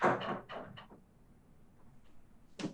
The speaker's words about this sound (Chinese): 林秘书出去带上了门